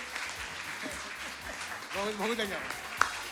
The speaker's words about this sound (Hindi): कीजिए कीजिए, आपके लिए भी जोरदार, अरे तालियों की गूंज नहीं रुकनी चाहिए।